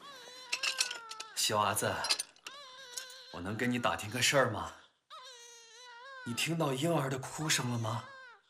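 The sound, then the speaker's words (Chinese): A small infant, said to sound weak and sick, cries in thin, wavering wails, four or five drawn-out bursts separated by brief pauses, fairly clear, with a strained, feeble quality. “你听到婴儿的哭声了吗？”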